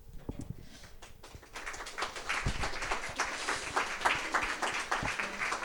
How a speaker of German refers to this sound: Wir haben noch nichts geliefert und wir bekommen schon Applaus. Nice.